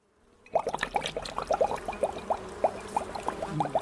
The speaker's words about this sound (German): Herr Brooks, der Imker, füllt eine grünliche, stinkende Flüssigkeit in einen Spritzer.